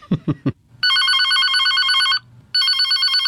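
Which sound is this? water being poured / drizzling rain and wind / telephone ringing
telephone ringing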